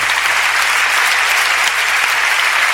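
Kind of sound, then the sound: crowd, applause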